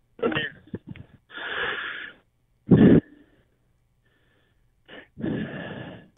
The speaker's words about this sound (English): Heavy breather. Heavy breather there.